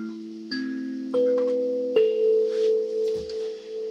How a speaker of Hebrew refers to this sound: וזהו, הסנסולה זה כלי שבעצם מיוצר בגרמניה, אבל הוא שייך למשפחת הקלימבות. יש לו את הסרגלי מתכת האלו.